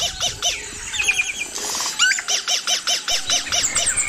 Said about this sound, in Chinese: 因此，雄鸟的歌声能够吸引雌鸟，还可以震慑其他企图靠近自己领地的雄性。